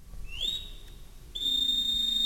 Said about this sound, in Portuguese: E, no entanto, estamos a ouvir assobios no palco. Estamos, mas não somos nós que estamos a assobiar. O assobio dos marinheiros ouve-se no palco do Coliseu dos Recreios.